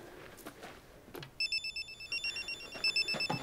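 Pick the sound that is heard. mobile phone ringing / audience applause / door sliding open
mobile phone ringing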